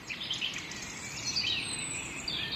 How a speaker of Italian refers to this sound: per qualche minuto, tra le 6:19 e le 6:42, riescono a mascherare il suono lontano e indistinto del traffico infrasettimanale. E mi sembra bello pensare che qui e ora il traffico sia un traffico di canto d'uccelli che posa su tutto un velo di calma.